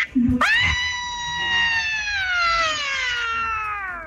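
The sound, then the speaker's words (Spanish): A single long, high-pitched human scream held for about four seconds, loud, its pitch slowly sliding downward as it fades out; the sixth and last entry in a scream contest. “Ok, y nos vamos con el último grito participante, que es el número 6.”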